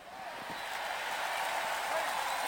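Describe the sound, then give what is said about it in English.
A large crowd cheers and applauds, a dense, steady wash of noise that swells slightly and holds for a couple of seconds. “Now the cheers rise again.”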